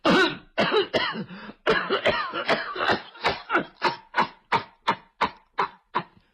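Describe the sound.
A voice imitates an elderly woman's coughing fit: a rough, throaty run of coughs that starts dense and raspy, then settles into about a dozen evenly spaced, sharp hacks, fairly loud.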